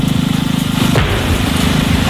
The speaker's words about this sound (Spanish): Esto que acabas de escuchar es la explosión controlada con la que Rumanía ha redirigido agua al Danubio para evitar así que una central nuclear vital quedara paralizada, porque sin el agua del río no se pueden enfriar los generadores.